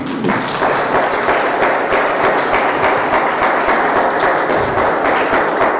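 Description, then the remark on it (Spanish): An audience claps for the Lord during a pastor's sermon, clapping steadily for several seconds, a dense, loud wash of overlapping hand claps that stays even throughout with no voices standing out. “¿Se merece un aplauso el Señor?”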